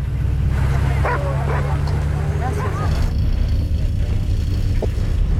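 A dog yips and whimpers in short, high bursts over a steady low engine-like rumble, with a few faint barks trailing off toward the end.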